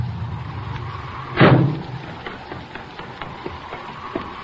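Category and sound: vehicle, car approaching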